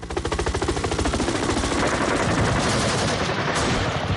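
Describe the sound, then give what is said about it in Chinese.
Loud, sustained battle gunfire, representing the People's Liberation Army 27th Army's landing at Xiajiahu, Fanchang County, in the Yangtze River crossing on the night of April 20, 1949: rapid automatic bursts rattle in a steady, dense rhythm for about four seconds, blurring into a continuous crackling roar, with no voices. “1949年4月20日晚，人民解放军27军235团一部冒着枪林弹雨，率先在繁昌县夏家湖登陆，一举突破国民党苦心经营3个半月的长江防线。”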